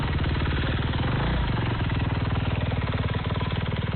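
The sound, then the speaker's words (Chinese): A motorcycle engine runs steadily for the whole stretch, a loud, rapid rumbling putter with no pauses and no voices, as motorcycle enthusiasts on the road help carry disaster relief supplies. “同样在这条路上蚂蚁搬家的，还有用背包背篓帮忙运送救灾物资的徒步和摩托车爱好者。”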